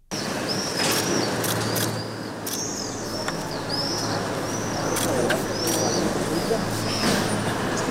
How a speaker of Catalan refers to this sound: Un silenci només trencat per clics de les càmeres de fotos.